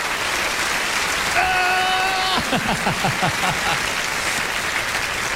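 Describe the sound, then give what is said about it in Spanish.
An audience breaks into steady, dense applause for the Lord that fills the whole clip, with a sustained tonal note and a few rising, sliding tones briefly sounding above the clapping. “Denle un aplauso al Señor que dice, yo lo haré.”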